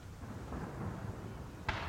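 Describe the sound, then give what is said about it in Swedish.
A deep, rumbling background is broken near the end by one sharp cannon boom from a gun salute fired over open water as the royal boat carrying the king and queen passes Skeppsholmen in central Stockholm, Sweden, between the palace and the Vasa Museum. “Och nu skjuter de salut.”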